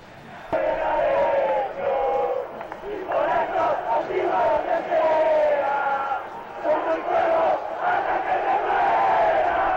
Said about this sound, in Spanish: Bueno, cantan los hinchas de Central. Responden los de Gimnasia.